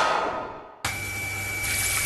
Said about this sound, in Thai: นึกว่าบ้านมีน้ำตกที่ไหนได้ท่อน้ำแตก